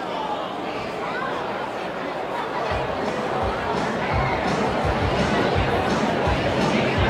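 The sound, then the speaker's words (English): A steady wash of crowd chatter fills a baseball stadium at a Rumble Ponies night game in a cold, misty drizzle, many overlapping voices blending into a continuous murmur with occasional low thumps and no single voice standing out. “Decent crowd tonight.”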